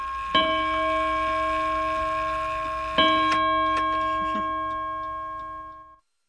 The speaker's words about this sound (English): it's on the off beat. Which isn't probably right, it's just the way this clock is.